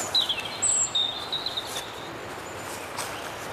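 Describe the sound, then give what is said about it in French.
Birds sing in short, high chirps and whistles scattered across a few seconds over a steady outdoor hiss, with no one talking. “chantent les oiseaux.”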